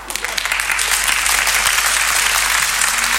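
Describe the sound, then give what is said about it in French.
Dense, steady applause from a concert audience as the singer returns a final time after the show, many hands clapping in a continuous hiss of claps that stays loud and even throughout, with no voices rising above it. “Et puis, quand ça a été fini, je suis revenu une dernière fois sous les applaudissements du public.”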